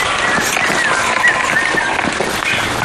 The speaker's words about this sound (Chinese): 对。这边雨水下的还挺多的。